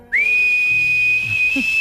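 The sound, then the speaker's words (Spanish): A person gives one long, piercing whistle to call someone at a distance, swooping up at the start and then holding a steady high pitch for nearly two seconds, loud, with no talking. “Sí, señor, el silbido.”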